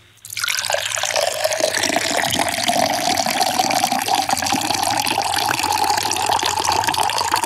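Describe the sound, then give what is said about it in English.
A steady stream of water pours continuously after a brief quiet start, a loud, sustained splashing and rushing with a faint rising pitch as the vessel fills. “It is time to commence the pour.”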